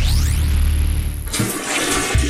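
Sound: toilet flushing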